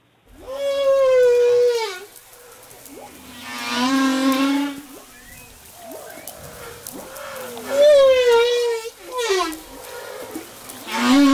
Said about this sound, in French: Alors Olivier Adam, c'est vous qui avez enregistré cette baleine à bosse. Racontez-nous, c'était où? Alors c'était à Madagascar, au large de Madagascar.